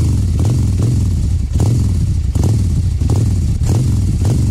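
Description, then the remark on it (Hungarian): A motorcycle engine sound effect revs repeatedly, its loud, throaty roar rising and falling in rhythmic surges, with no voices. “azonban előtte mutatnám azt a motoros effektet.”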